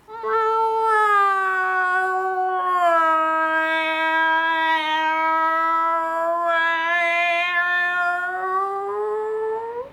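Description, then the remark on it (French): A cat 'sings' the way cats sing in the land of cats, yowling in a long, drawn-out, sing-song meow that holds for about ten seconds, its mid-high pitch wavering and sliding up and down. It is loud and steady, with no talking. “Parfaitement, c'est comme ça qu'on chante au pays des chats.”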